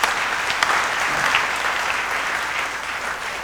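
Steady applause from a church audience fills the whole stretch, a dense wash of many hands clapping at an even level with no talking over it, given for a congregant celebrating 43 years of life.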